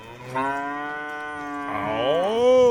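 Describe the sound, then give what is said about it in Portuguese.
A long, loud, drawn-out moo from a herd of Nelore cattle, rising in pitch toward the end and heard alone without any talking. “Boi, agora mandou fotografia, vídeo aqui de boi, ó. Ô, rapaz, boiada bonita. Nelore, hein?”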